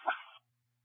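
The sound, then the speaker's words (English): A dog gives one short, sharp bark with a slightly whiny edge, then it stops, leaving near silence with only a faint low hum. “If she's able to have somebody pick the dog up shortly, are you going to be there?”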